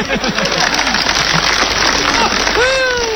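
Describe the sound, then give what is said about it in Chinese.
A crowd claps steadily for about three seconds, five seconds of applause asked for as a man is about to open a case, a dense, even wash of applause, with a few voices calling out over it at the start and again near the end. “哎，大妈，我要把这个箱子打开，不要多了，您给我5秒钟的掌声，好不好？”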